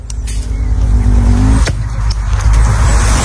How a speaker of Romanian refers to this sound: Dacă ești atent, auzi și niște păsărele pe acolo, pe lângă. Da, nu mai. Nu. Ăsta e sunetul pe care l auzi atunci când tunzi pomii. Da, era o foarfecă. Este o foarfecă. O foarfecă.